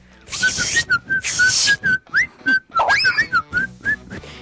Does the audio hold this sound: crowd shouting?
no